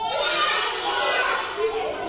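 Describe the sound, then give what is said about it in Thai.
A group of children, asked by their teacher how a monkey calls, shriek and chatter together in imitation of monkey calls, a loud, continuous, high-pitched jumble of overlapping voices with no pauses. “ต่อไปมีอะไรอีก ล ิงร้องยังไงเอ่ย”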